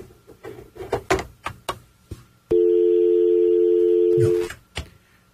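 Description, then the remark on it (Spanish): A telephone rings with an incoming call: a loud, steady electronic tone held for about two seconds, preceded and followed by a series of sharp taps and clicks. “Espérenme un segundito, que alguien está llamando por teléfono, no sé si es...”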